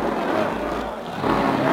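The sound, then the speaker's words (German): A supercharged race car engine roars loudly and steadily as it speeds past at the Avus race track in Berlin, with a cheering crowd blending into the dense, continuous noise for under two seconds. “Ach, wie der Wind rast er dahin. Jetzt hat er den Kompressor drin.”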